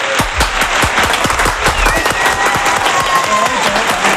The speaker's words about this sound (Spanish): que voy a terminar esta parte del programa con la ovación que se merece Pedro Martín.